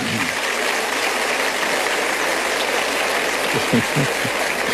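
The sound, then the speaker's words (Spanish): An audience applauds steadily throughout, a dense, loud wash of many hands clapping at once with no pauses, a faint low murmur briefly rising under it near the end. “No sé exactamente qué aplauden, pero me imagino que es a Víctor Hugo, ¿no es cierto?”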